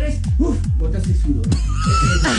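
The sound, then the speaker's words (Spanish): Someone imitates a horse with their voice while doing a quick little trot, making a steady run of short, loud, falling vocal bursts, like a playful trot or whinny. “Pareció un caballo. Trotecito, otra vez, trotecito.”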